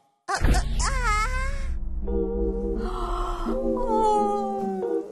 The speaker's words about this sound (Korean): 하품도 소용이 없군요.